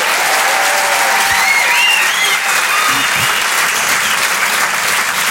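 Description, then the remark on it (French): A crowd at a Rire et Chanson comedy show applauds the only woman comedian on stage steadily, a dense, even wash of many hands clapping at a constant loud level for several seconds, with faint whoops and cheers rising briefly above it. “C'est quand même sympa, ça s'applaudit quand même, ça.”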